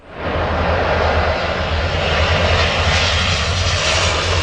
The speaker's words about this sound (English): A water bomber loads up over the Seine River near the French capital.